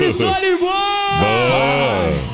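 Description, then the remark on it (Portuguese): A loud burst of people shouting and whooping with joy, several raised voices overlapping in a sustained cheer lasting a couple of seconds. “Quem tá feliz dá um grito!”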